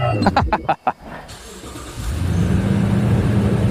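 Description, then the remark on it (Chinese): The engine of a driverless smart farm harvester, started with a single touch, cranks with a quick run of rhythmic starter pulses, goes briefly quiet, then catches and settles into a steady, loud, low rumbling idle. “我们管它叫收割铁骑，其实是一个智能农机，就是用现代的一些高科技的技术，让它能够实现无人驾驭，自己干活，老农不用躬身，粮食高产稳增。”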